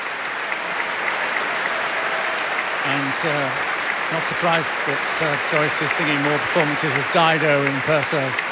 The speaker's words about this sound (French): Ils sont des milliers ce soir dans la salle et des milliers d'auditrices et auditeurs. Comme ça fait plaisir, tous ces applaudissements, alors que la section des vents de l'orchestre du Met est en train de se lever.